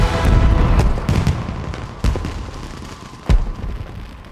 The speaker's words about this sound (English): Now fireworks burst in the sky.